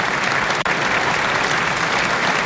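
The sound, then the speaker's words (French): Sustained applause from a large audience after a long time of prayer, dense and steady clapping filling the whole stretch at a loud, even level with no voices standing out. “sous les applaudissements.”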